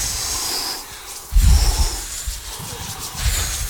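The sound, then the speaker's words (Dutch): Several people rub their hands together and blow softly, making a breathy, hissing whoosh that imitates wind, with low rustling surges swelling and easing in uneven waves. “We zijn met onze handen over elkaar aan het wrijven. Een beetje blazen.”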